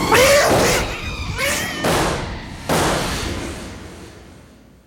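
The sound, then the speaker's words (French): A cat that has gone mad yowls and screeches wildly in rising, wavering cries, mixed with several loud crashing thumps at irregular intervals, each fading into a lingering rumble. “Ce chat est devenu fou.”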